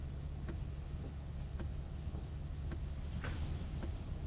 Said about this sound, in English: Who can relax in this mess of traffic? There must be a wreck or something up ahead.